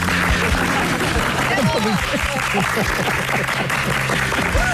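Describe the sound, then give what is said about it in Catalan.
A crowd applauds steadily and loudly throughout on the show Polònia, a dense wash of clapping with voices cheering and calling out over it. “Com la Rus, 50.000 aplaudiments.”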